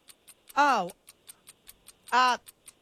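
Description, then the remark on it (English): A game-show timer clock ticks in a fast, steady rhythm, crisp, counting a 60-second quiz round in a studio, while a voice briefly breaks in twice over the ticking. “60 seconds on the clock. Here we go.”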